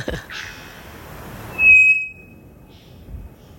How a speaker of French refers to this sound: Donc l'oiseau va changer cette fréquence aiguë ou grave plus lentement. Donc c'est ce qu'on appelle des sifflements peu modulés, ici avec le bouvreuil pivoine.